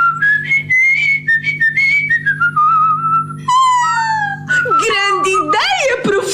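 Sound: person whistling a tune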